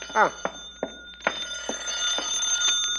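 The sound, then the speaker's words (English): A telephone rings as a call is placed to Riley, with a series of sharp, metallic bell strikes at an irregular, quickening pace over a steady high tone. A brief voice-like sound comes at the start. “I'm gonna phone this Riley, see, and make believe I'm No Dice Noonan, the big gambler.”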